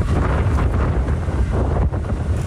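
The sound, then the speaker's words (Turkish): Powerful storm wind in Tekirdağ, reaching 80 kilometres per hour, roars continuously, buffeting the microphone with heavy low rumbling gusts and a broad hissing rush, loud throughout with no voices. “Tekirdağ'da rüzgarın hızı saatte 80 kilometreye çıktı.”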